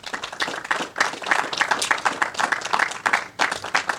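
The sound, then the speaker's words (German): An audience at a volunteer-run technical museum bursts into steady applause for those who built it, many hands clapping in a dense, crackling wash that stays fairly loud and even for the whole stretch, with no one speaking over it. “Und da immer einen kräftigen Applaus an alle, die dieses geschafft haben und auch uns begleitet haben bei den Baumaßnahmen.”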